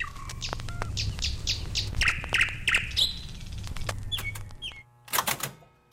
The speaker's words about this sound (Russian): Ну вот, к моей радости, к большой, соловьи прилетели на второй год. И на второй, и на третий год. И вот весной к нам приходят со всех концов Москвы, приезжают сюда, в Кузьминский парк, чтобы послушать этих соловьев.